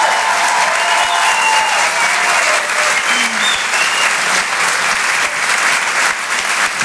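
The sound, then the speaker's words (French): Sustained, loud applause from a large audience at the Rire et Chanson Comedy Club for comedian Myriam Barouk, a dense wash of clapping hands that holds steady for several seconds with no voices standing out. “On peut l'applaudir très fort.”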